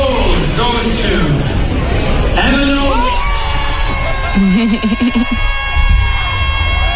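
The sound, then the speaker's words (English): A crowd at an awards ceremony erupts in loud, sustained screaming and cheering as a winner is announced, with high, wavering yells and whoops rising above the dense roar for the whole stretch. “screaming into oblivion.”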